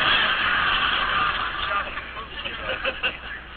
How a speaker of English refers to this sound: You don't like our car, huh? What makes big smoke come from motor? This is a Stanley steamer, Chief.